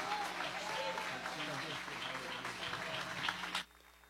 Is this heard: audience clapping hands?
yes